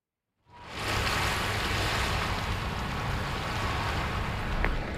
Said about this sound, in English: I'm on the English Bay Beach right now, just walking along the rocks here.